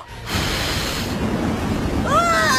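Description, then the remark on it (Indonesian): A loud, roaring gust of wind blows out of a bamboo bud, swelling up suddenly and blowing steadily, with a brief whistling shimmer rising near the end, like a magical whoosh. “Wah, dari kuncup bambu keluar angin.”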